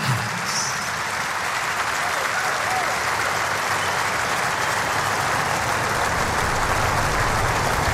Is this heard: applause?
yes